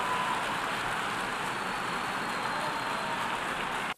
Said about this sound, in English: Yeah, applause and congratulations there for the five new non-permanent members of the UN Security Council elected yesterday in New York.